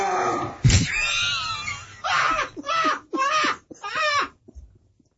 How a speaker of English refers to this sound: I think the dog needs to go out